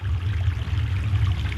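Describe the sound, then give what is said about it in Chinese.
River water pours steadily for a moment and a half for a cold compress to cool down a feverish person, a continuous splashing stream with a low rumble underneath and no voices. “快用河水给他冷敷降温。”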